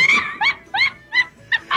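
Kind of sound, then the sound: animal, dog barking and whimpering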